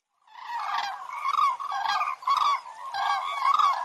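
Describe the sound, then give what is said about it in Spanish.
A flock of 15 cranes trumpeting overhead in flight in V formation over the Kazaj River gorge near the Sagmosavank monastery in Armenia: loud, rolling, overlapping calls in repeated bursts with rich harmonics, with no talking. “¡Inconfundibles! Son las grullas.”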